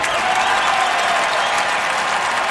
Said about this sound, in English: And that is the massive applause that you are experiencing as the creator of Aviatrix, the sold out musical, which is in its final week at Seattle Public Theater.